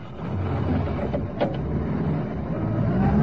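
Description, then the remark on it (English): A police patrol car engine, started and revved by a sergeant at 7:32 a.m., runs with a steady, low rumble, with a couple of brief clicks partway through and a slight swell in level toward the end. No one speaks. “The sergeant guns the engine into life, and the warrant officer takes the microphone off the radio.”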